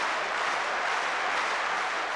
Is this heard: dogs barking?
no